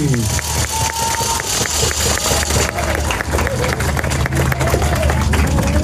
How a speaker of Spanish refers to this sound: Y señoras y señores, perdón, amigas, amigos todos, vamos a un aplauso fuerte para el licenciado José Ricardo Gallardo Cardona, gobernador constitucional del estado de San Luis Potosí.